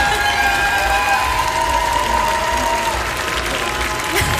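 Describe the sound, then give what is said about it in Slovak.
A large audience applauds and cheers continuously, a dense, steady wash of clapping with excited whistles and shouts rising above it, loud for the whole stretch. “Obrovský potlesk”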